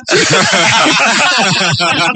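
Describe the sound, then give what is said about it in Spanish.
A voice imitates hissing gas with a loud, steady, breathy hiss held for about two seconds, rough and slightly voiced, with no pause in between. “Llegó el gas.”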